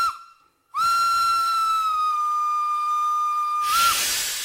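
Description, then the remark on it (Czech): A train whistle blows one long, steady, shrill note for about three seconds after a brief opening toot as the train departs from a station platform, then cuts off into a loud rush of hissing steam. No one speaks. “Vlak se hnul.”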